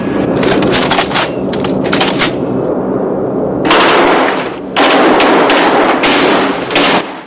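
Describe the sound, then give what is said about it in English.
Loud bursts of rapid machine-gun fire rattle in overlapping strings over a steady engine drone, with short pauses between volleys, as the crew of a B-17 bomber test-fire their turret guns in flight. “The gunfire wakens Clay, who has dozed off.”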